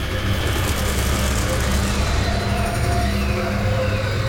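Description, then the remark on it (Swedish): A heavy truck rumbles through the narrow lanes around a town square, its low engine drone steady and loud for the whole stretch, with a faint whine riding over the deep, continuous roar. “Genom gränderna runt torget kommer en lastbil åkande.”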